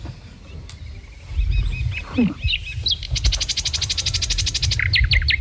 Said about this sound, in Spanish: Pero el silbidito este parece mal, ¿no? Sí. Pi, pi, pi, pi. A ver, puede ser una calandria, un ruiseñor, un águila imperial o un gorrión común.